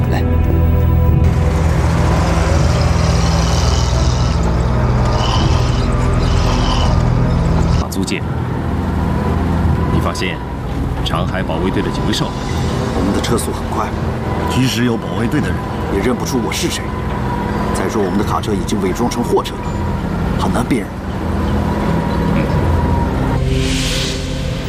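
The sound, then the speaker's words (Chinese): A truck disguised as a cargo truck speeds along a road, its engine and tyre rumble a loud, steady roar for the whole stretch, with people talking over the noise. “再说我们的卡车已经伪装成货车了，很难辨认。”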